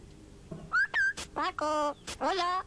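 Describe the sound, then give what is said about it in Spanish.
A 20-year-old parrot imitates a human voice, repeating a man's name several times in quick, shrill, nasal bursts with sharp clicks between, loud against a quiet background. “Este señor cree que es un loro de 20 años, repite el nombre del amante de su esposa.”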